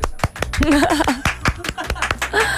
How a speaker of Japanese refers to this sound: はい、 自分で拍手してどうする の。もうでも言っちゃってますから自分でね。